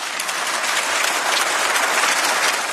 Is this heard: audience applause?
yes